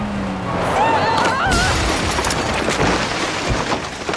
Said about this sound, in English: What have you done? You smashed into Benedito's house!